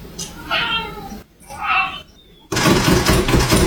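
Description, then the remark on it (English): A cat named Jeff lets out two drawn-out, wavering meows, then a loud, dense rattling clatter of him hammering on a lever door handle takes over and continues to the end. “This is Jeff hammering on that door handle.”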